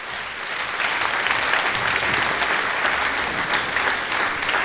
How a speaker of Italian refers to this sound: Un applauso a Carlo Willeit.